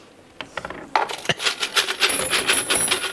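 A large bunch of keys, one secretly kept from each rented home over many years, jangles, starting with a few scattered metallic clinks, then a steady, busy rattle as they are handled and shaken. No one speaks.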